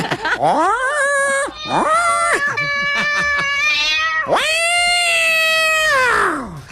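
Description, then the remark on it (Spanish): A person's voice imitates a cat, giving four or five loud, drawn-out meows one after another, with rising and falling pitch and no other talking. “Y puedo seguir así todo el santo día. Miau, miau, miau, miau, miau, miau, miau, miau, miau.”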